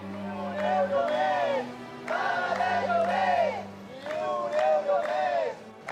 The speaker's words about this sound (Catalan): Amb proclames i crits en favor de la protecció a l'habitatge, membres del sindicat han fet talls durant uns 15-20 minuts